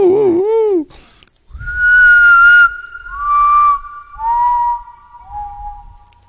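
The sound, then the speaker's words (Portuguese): Someone whistles an imitation of the call of the urutau (urutago), a potoo: a brief wavering opening, then four long, mournful notes that step downward in pitch, each one lower than the last. “Bora lá fazer o Urutago de novo.”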